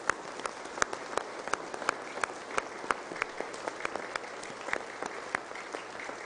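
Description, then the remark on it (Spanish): An audience applauds for the parish community in the San Antonio de Padua parish church, a steady wash of many hands clapping with sharp individual claps standing out, moderately loud and reverberant, with no voices over it. “Y porque ustedes son los que construyen el reino, en esta parroquia de San Antonio de Padua vamos a dar un fuerte aplauso a la comunidad parroquial.”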